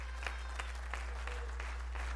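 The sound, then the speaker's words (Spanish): An audience applauds God, a steady wash of many hands clapping at moderate volume, with a few sharper claps standing out over a constant low hum; no one speaks. “Dale fuerte el aplauso a Dios.”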